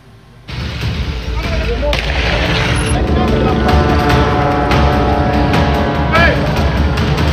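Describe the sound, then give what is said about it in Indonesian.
Firecrackers bang sharply several times during a clash between two groups of residents on a street in Makassar, South Sulawesi, Indonesia, with a steady roar of crowd noise and shouting voices filling the background throughout. “Kedua pihak saling serang menggunakan batu, anak panah, petasan, dan molotov di badan jalan.”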